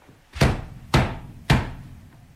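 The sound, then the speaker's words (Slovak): Three heavy, evenly spaced knocks on the wooden door of a house, each a loud booming thud with a brief ringing decay, with no voices. “Ty si mocný. Zabúchaj na dvere.”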